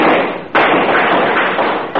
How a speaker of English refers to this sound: Here's where the cops come in. They break the door down. Everybody shoots everybody.